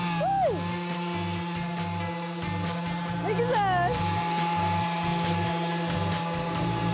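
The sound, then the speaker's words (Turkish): A power sander sands a wooden door as its final finishing step, droning steadily, its constant whirring hum filling the whole stretch while a couple of people talk briefly over the noise. “şu anda kapımızın son işlemi olan ahşap üretiminde zımpara işlemini gerçekleştireceğiz.”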